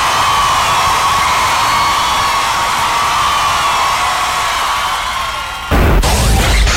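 A loud, sustained roar of crowd cheering and applause with whoops and whistles on top, holding steady for several seconds before shifting abruptly to a brighter, noisier wash of clapping.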